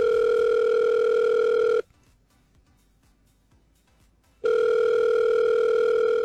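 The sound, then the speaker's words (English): A telephone rings on the line: two long, steady electronic tone bursts separated by a pause of near silence, loud and clear with no one speaking. “Imagine losing your pet for 9 years and then you get a phone call.”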